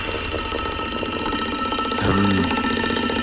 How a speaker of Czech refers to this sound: Zní to jako datel. Že by to byl datel. A jo, je to datel. A ťuká si do rytmu Rádia 1.